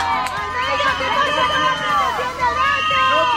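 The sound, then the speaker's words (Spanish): A loud crowd of striking early-childhood educators in Madrid shouting at the city's mayor, Almeida, on a Tuesday; many overlapping raised voices, several of them high-pitched, forming a continuous, agitated clamor with no pauses across the few seconds. “Las educadoras infantiles en huelga recibían este martes entre gritos al alcalde de la capital.”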